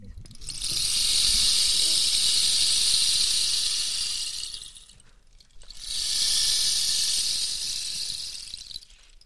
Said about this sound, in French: Donc voilà, ça c'était le bâton de pluie.